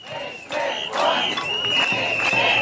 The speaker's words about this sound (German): Nicht mit uns, rufen einige hundert Kita-Erzieherinnen und Eltern auf dem Alten Markt in Potsdam, als CDU-Bildungsminister Hoffmann den Kern des Gesetzes zu erklären versucht.